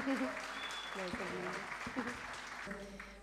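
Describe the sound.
An audience applauds with dense, steady clapping that fills the whole stretch, while a few voices call out over the noise.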